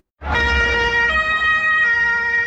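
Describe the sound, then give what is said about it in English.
A loud police siren blares continuously, its tone stepping between pitches, over a low rumble of traffic as police vehicles rush past partygoers at a crowded Pride event near the Brandenburg Gate in Berlin, Germany, moments after a car ploughed into the crowd. “Police rushing past partygoers moments after a car ploughed into a crowded Berlin's Pride event close to the Brandenburg Gate.”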